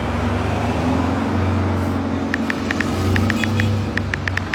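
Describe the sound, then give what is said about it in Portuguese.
A car engine rumbles steadily with broad road noise, joined halfway through by a string of quick, light ticking clicks. “um pela aí, outro carro.”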